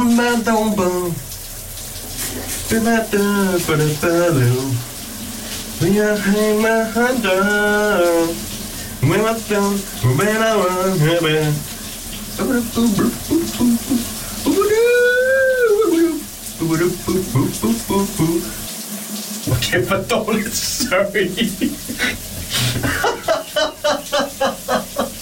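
A man sings a wandering, wordless melody in bursts in the shower of his bathroom in the morning while the shower water runs steadily, with short pauses between his phrases.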